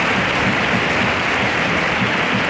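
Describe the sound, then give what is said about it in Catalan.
A large crowd gives a six-minute standing ovation in the Théâtre Lumière at Cannes after the screening of Fatherland, when Sandra Hüller's name is announced. The applause is a steady, dense, continuous wash of clapping with no pauses or voices standing out. “6 minuts d'ovació i el teatre Lumière sense de peu quan van pronunciar el nom de Sandra Hüller a l'acabar la projecció.”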